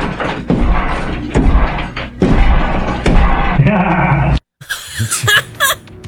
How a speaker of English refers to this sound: Here's the audio of the crazy man coming through the roof. I mean, through the wall.